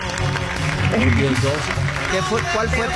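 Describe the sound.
A studio audience applauds steadily, a dense wash of many hands clapping at an even, fairly loud level for a few seconds, with some indistinct voices mixed into the noise.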